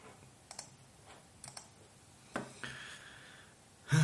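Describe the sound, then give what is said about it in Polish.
Sporadic clicks on a computer keyboard, a few quick taps in small irregular clusters. There's no talking, and a louder burst of noise comes at the very end. “No nie, nie klikaj tak na klawiaturę.”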